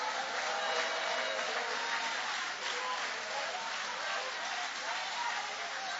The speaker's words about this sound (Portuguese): Levanta a mão e dá um glória a Deus aí. E aplaude a ele, que ele merece.